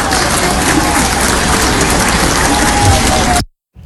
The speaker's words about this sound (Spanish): así que aquí está, démosle un aplauso también.